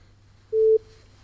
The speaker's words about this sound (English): Are you there? It's just us and the beep. Give just us a beep if you can hear us.